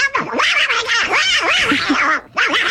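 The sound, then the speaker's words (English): A raspy, squawking Donald Duck voice chatters loudly, its pitch swooping up and down in a long burst, then pauses briefly before squawking again. A person is imitating Donald Duck on Power FM radio for National Donald Duck Day. “It is National Donald Duck Day.”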